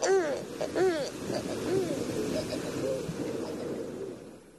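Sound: owl hooting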